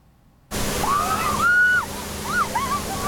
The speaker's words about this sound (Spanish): La policía alemana utiliza cañones de agua y no es para dispersar a la multitud. Al contrario, así la atraen. En Alemania todos quieren refrescarse.